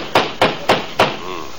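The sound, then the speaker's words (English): Four hard knocks on a door, spaced in a loud, uneven rhythm, each a sharp thud with a short ring after it; a faint voice murmurs at the end. “There, that certainly is a nasty knock, all right.”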